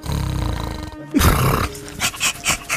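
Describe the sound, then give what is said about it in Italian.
A man's voice imitates a dog, acting as a giant Sicilian schnauzer, starting with a low, rumbling growl, then a loud drawn-out bark followed by four quick, rhythmic barks, forceful. “si desta guardingo come un vero cane. Bau, bau, bau, bau!”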